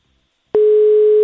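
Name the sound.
telephone call tone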